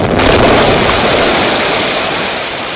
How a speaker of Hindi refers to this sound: दिल्ली के central assembly hall में बम फेंकने की योजना बनाई गई। इस बम से जोरदार धमाका हुआ।